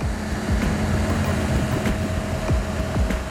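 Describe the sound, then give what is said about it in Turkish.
A 25-ton ballast regulator clears snow from railway tracks and switches, its 6-metre side wings pushing the snow off the rails; it grinds along with a steady loud roar, low engine hum and repeated metallic clanks and thumps. “John demiryolunun büyük silahını çıkartıyor. Denge ayarlayıcı ya da BR. Bu 25 tonluk canavar rayları ve makasları kardan temizliyor.”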